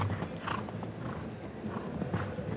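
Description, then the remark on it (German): A horse's hooves clip-clop steadily across arena ground during a show jumping round, with soft, irregular thuds over a low, constant background murmur; no one speaks. “Auch er mit diesem Pferd eher noch nicht so viel Routine gesammelt auf diesem Level.”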